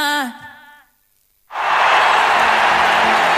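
A short tonal vocal phrase fades into a second of silence, then loud, dense audience applause on a Cadena SER radio program bursts in and holds steady, a continuous wash of clapping to the end.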